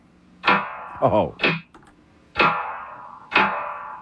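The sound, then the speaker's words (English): Sharp, bright clap hits from a Roland 808 drum machine strike about once a second, four in all, each with a short noisy decay. A brief voiced sound slips in between the first two claps. “Let's go to the clap.”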